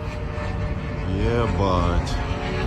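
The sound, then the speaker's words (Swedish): A droning engine whine rises and bends in pitch as a Ukrainian attack drone passes overhead in the city of Khimki, Moscow region, Russia, heard over a steady wash of outdoor city noise, fairly loud and continuous. “Svordomarna haglade tätt i staden Himki i Moskva län idag när folk ute på gatan filmade drönare som attackerade regionen.”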